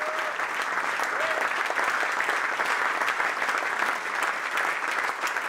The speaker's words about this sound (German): Für andere ist es vielleicht der Applaus nach dem Konzert.